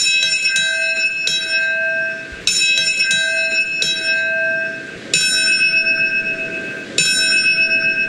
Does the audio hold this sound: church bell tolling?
yes